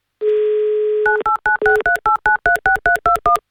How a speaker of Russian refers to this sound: И дабы вам эту возможность предоставить, я набираю ваш номер.